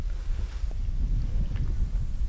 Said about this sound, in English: In springs in the reserve, with the water seeping up from an underground water table known as the Great Artesian Basin. You can actually hear the bubbles coming up from underground just over there.